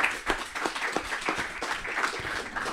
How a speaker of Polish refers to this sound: Tak, brawa, brawa, brawa.